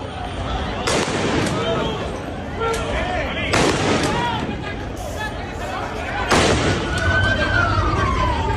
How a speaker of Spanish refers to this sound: Escuchábamos esos disparos que han tenido que realizar las fuerzas de orden público para tratar de dispersar a algunos manifestantes que de forma paralela este miércoles acudían en masa a la zona donde pernoctan algunos de los migrantes que continúan